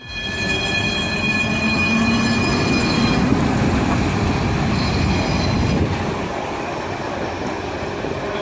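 A line 46 tram pulls away at the start of its symbolic last journey from Łódź to Ozorków before the service was suspended on 4 February 2018, with a steady metallic rumble, its wheels giving off a sustained high-pitched squeal over the rolling noise, easing slightly toward the end. No one speaks.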